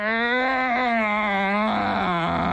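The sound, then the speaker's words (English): A person lets out a loud, drawn-out imitation of a cow's moo, like a cow that has had about enough and is not feeling well: a single low groaning tone that sags slightly in pitch and roughens toward the end. “And every time I laugh so hard because I go, they think I'm a cow.”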